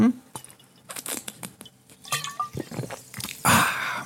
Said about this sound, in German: Kleine Wasserpause hier bei uns in Radio Kärnten. Nehmen Sie sich auch gern das Glas. Trinken wir gemeinsam zwei, drei Schluck. Ganz wichtig trinken.